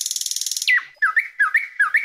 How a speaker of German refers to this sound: So klingt die Nachtigall.